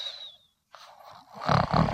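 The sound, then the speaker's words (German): A voice imitates a bat snoring, loud: a thin falling whistle, a short pause, then rough, rasping snore sounds swelling into two heavy pulses. “Fledermaus, du schnarchst.”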